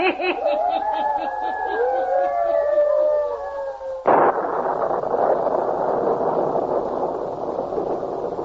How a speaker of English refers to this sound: Still storming. Will it never let up? Matter of a small electrical storm should not trouble you all, sir.